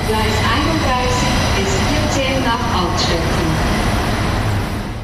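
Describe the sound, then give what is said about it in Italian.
A train departs from the platform, rumbling steadily and loudly along the rails, with a dense rolling clatter throughout and faint murmuring voices in the background, easing off slightly near the end. “mentre lasciamo il cantiere e ci rechiamo ai binari. Tra pochi istanti, infatti, parte il nostro collegamento.”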